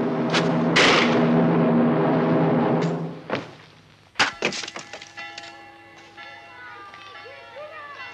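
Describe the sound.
Heavy wooden knocks and a splintering crack as a wooden lid is knocked open, a few sharp thuds amid clattering, with voices talking over the first part and ringing tones lingering afterward.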